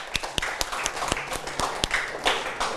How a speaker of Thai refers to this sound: ครับดีมากเลยครับปรบมือให้เพื่อนนักเรียน